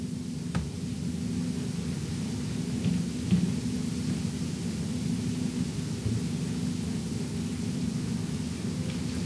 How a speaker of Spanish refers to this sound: Bueno, ya no es novedad que llueva para septiembre. Siempre nos está lloviendo los últimos años. A ratos pasa, a ratos vuelve. Así está la cosa.